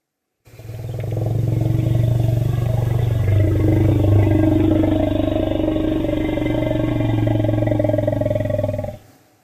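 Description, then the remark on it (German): A deep, sustained elephant rumble, a low growling call that rolls on steadily for about eight seconds, loud, with a throbbing, vibrating texture and no other voices. “Der Elefanten-Rumble, für den es eigentlich gar kein wirklich gutes deutsches Wort gibt. Rumble heißt Grollen, aber man sagt auch auf Deutsch der Elefanten-Rumble.”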